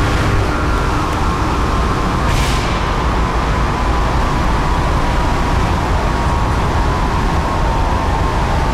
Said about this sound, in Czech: Vydávám pokyn k odstavení hlavního ventilátoru na dole ČSM lokality Jih dle příkazu závodního dolu.